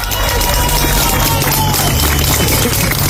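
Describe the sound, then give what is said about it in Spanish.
A crowd bursts into loud, sustained applause celebrating the rescue of an older person by members of the military emergency unit after 72 hours trapped, a dense steady patter of many hands clapping with a murmur of voices mixed in, holding at full strength throughout. “Aplausos para celebrar un rescate después de 72 horas atrapado.”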